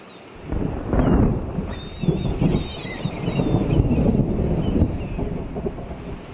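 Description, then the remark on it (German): A storm rumbles out at sea, with heavy, gusting wind and surging water noise building steadily throughout, faint high whistling tones cutting through the roar. “Draußen auf dem Meer braute sich ein Unwetter zusammen.”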